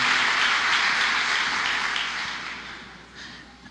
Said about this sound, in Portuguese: Parece que agora em março vão beatificar o padre Léo. Aplaudam isso.